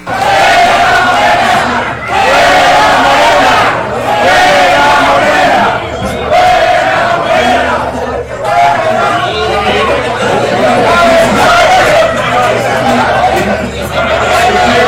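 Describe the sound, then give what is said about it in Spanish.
A crowd of people shouting and yelling over one another at politician Tere Guerra as she leaves a restaurant waving goodbye, loud and continuous, with brief dips in volume between bursts of overlapping voices and babble. “nos referimos a Tere Guerra, salía de un restaurante, daba señales de despedida con la mano, mientras del fondo se escuchaban algunos gritos.”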